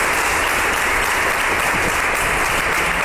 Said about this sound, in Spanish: Ha comenzado con un minuto de silencio en muestra de respeto y recuerdo hacia el regidor fallecido el pasado domingo. El minuto se rompía con un aplauso por parte de toda la corporación.